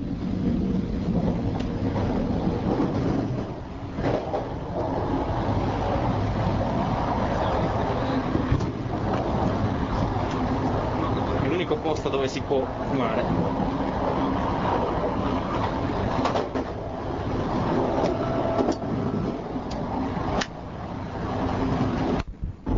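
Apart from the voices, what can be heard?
moving train interior rumble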